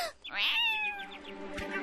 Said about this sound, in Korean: 엄마야! 무슨 일이지? 고양이다!